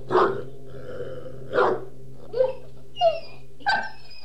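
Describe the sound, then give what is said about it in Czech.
A dog, Dingo, whimpers and howls mournfully in five short, tonal cries spaced over a few seconds, some sliding upward in pitch, over a steady low hum with no one talking. “Negoro asi zaslechl Dingovo žalostné vití.”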